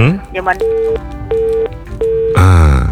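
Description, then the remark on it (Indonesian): Three steady electronic beeps sound at an even pace over a mobile phone call, each about a third of a second long, with muffled talking under them and a louder voice cutting in at the end. “Tutut lagi tu. Ngapalah tu HP tu ya?”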